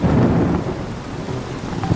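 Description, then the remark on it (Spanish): Deep, steady rolling thunder rumbles through heavy rain, the low roar loud and sustained across the whole moment, with a softer patter of rain on surfaces underneath and no voices. “No, la verdad, a mí me gusta escuchar los truenos. Los truenos, sí, los relámpagos, los rayos, así cuando caen.”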